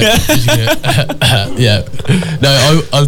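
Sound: fake cough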